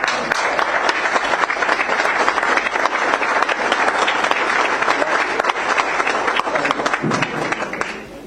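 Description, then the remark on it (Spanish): Sustained applause from a large assembly in support of its directive commission's management. The dense, steady clapping runs at full loudness for about eight seconds before tapering slightly at the end, with no one speaking over it. “Como respaldo fundamental a la brillante gestión de esta comisión directiva, que la Magna Asamblea brinde el apoyo con un cálido aplauso.”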